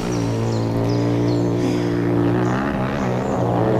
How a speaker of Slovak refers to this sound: Toto je pre Boha čo? To frasa. Kde sa tu berú motorky? Hej, vy tam! Čo je to tu? Motocyklová rally?